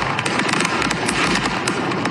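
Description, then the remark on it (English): A truck carrying fireworks explodes on Interstate 75 in Tennessee, the cargo in its container going off in a dense, continuous barrage of rapid crackling pops and bangs overlapping into a loud, chaotic roar, with no voices. “So the truck and all of its, everything in the container started to explode.”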